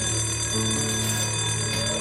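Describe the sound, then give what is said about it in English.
A school lunch bell rings continuously with a loud, steady electric buzzing tone that holds without pause for the full two seconds, with no voices, as a teacher finishes a classroom self-esteem game. “The teacher completes the self-esteem game as the lunch bell sounds.”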